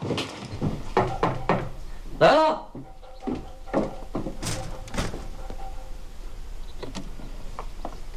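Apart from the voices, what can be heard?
door being opened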